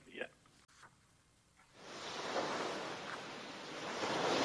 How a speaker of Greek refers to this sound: Και έτσι λοιπόν εμείς, φίλες και φίλοι, θα σας αφήσουμε με την πιο όμορφη θάλασσα.